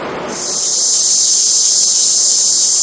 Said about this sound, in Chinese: 这夏天知了来了， 蝉鸣声， 蝉鸣声。